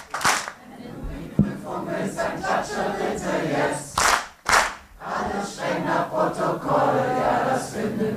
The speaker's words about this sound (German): Wenn du die Prüfung willst, dann klatsche bitte jetzt.